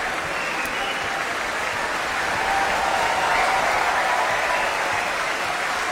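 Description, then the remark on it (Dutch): Steady, sustained applause from a large audience for the choir, the Laurens Symfonisch, a dense wash of clapping that holds at an even, fairly loud level for the whole stretch with no voices standing out. “Ja, dit applaus is voor het koor.”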